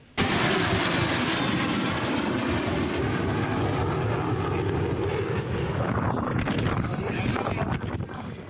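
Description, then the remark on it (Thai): Loud, continuous roar of three F-16 fighter jets flying overhead on an escort flight for the Prime Minister's visit to Wing 1 air base, Nakhon Ratchasima, Thailand, filling the whole clip, with a rising, shifting engine whine toward the end as they pass; some wind buffeting on the microphone. “F-16 3ลำนะครับบินคุ้มกันบุคคลสำคัญนี่เป็นการบินแบบเอสคอร์ตครับเป็นการบินเครื่องบินให้กับนายกเพื่อฝึกเสมือนจริงแล้วก็ให้เกียรติในโอกาสที่นายกมาตรวจเยี่ยมกองบิน1จังหวัดนครราชสีมาครับ”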